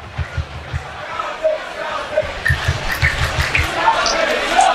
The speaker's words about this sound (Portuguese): A torcida da Caldense vai incentivando o time aqui no estádio.